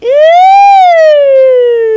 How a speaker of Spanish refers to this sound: Ay, parecía ambulancia.